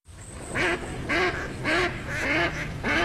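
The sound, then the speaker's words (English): A duck quacks five times in a steady rhythm, each call a loud nasal burst about half a second apart, with a faint high whistle early on and a steady background hiss. “Time to gear up for bird season.”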